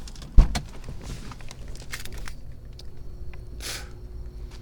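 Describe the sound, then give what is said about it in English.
A car door unlatches with a sharp clunk, followed by rustling, shuffling movement and a few light clicks and rattles as someone climbs out of the car. “We're going to get out of the car.”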